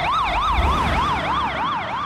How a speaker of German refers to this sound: Genau, das ist so ähnlich, wie wenn man sich auf so eine Schallquelle zubewegt und der Ton dann anders klingt. Ah, wenn so eine Sirene an einem vorbei, Doppler-Effekt. Genau, ja, richtig, genau, der Doppler-Effekt.